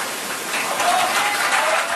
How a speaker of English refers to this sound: Some people applauded Macron,